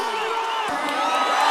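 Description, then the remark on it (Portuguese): A large concert crowd in Brasília roars with sustained shouting and cheering, dense and continuous, with scattered whoops rising above the din and the noise swelling slightly toward the end. “Levanta a mãozinha e dá um grito aí. Alô, Brasília, faz barulho,”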